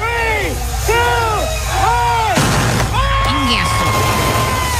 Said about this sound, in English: They were cohetes. They were like, well, there was a whole show. You know, obviously, they had like the cannons blowing out the color.